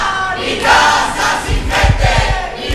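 A crowd gathered outside a building entrance fills the air with loud, overlapping voices and shouting, while heavy low thumps, like stamping or banging, pulse through the second half.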